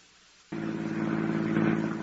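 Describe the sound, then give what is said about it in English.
A car engine kicks in abruptly after a brief silence and runs with a steady, low rumbling drone that swells slightly as the car pulls off to drive into the country. No voices. “To my car, then. I'll tell you the story as we drive to our destination.”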